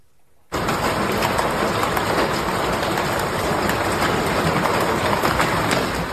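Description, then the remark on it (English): After a brief quiet start, a loud, dense hailstorm abruptly begins pounding down on Paraguay's capital during severe storms, a steady roar of countless sharp impacts that continues unbroken, with no voices. “Yeah, as we wrap up our around the world tour here in South America, this is where hail pummeled Paraguay's capital.”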